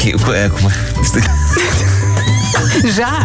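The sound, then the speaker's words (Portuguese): Loud, high-pitched pig squeals, wavering and sliding in pitch, repeat in close succession for a few seconds, dominant over a busy background. “Chega o porco! O porco está a dizer coisas! Falou o porco!”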